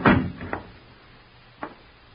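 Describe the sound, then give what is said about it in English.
A door shuts with a solid thump, followed by a lighter knock half a second later and a faint click after a short pause. No one speaks. “Keep quiet and shut the door.”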